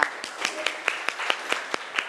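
Classroom applause for a student who answered a science question correctly: a group clapping together in a steady, even rhythm, about ten crisp claps in two seconds at moderate loudness, with faint murmuring underneath.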